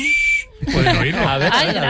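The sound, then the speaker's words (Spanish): A short, shrill blast from an orange emergency whistle, loud, cuts off abruptly; after a brief pause, people start talking. “silbato de emergencia.”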